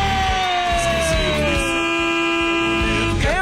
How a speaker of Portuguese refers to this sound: Vai, buzina aí, vai.